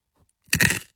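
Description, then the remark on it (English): A single crunch of roasted corn kernels being bitten and chewed, a short burst of crackling lasting under half a second after a faint rustle, with no talking. “You got a nice crunch in there too, by the way.”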